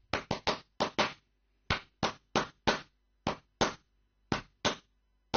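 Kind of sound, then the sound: human body sound, hand clapping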